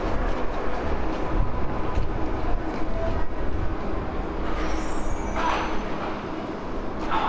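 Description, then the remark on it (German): A subway train rumbles steadily, then a high squeal and a burst of air-brake hiss rise near the end as it slows. No voices. “Ich sitze in der U-Bahn auf so einem ganz schmalen Brett.”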